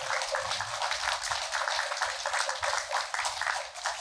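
A crowd applauds a Buddhist monk who has stood up, many hands clapping steadily in a dense, crackling wash that holds a fairly even loudness for about four seconds, with no voices over it.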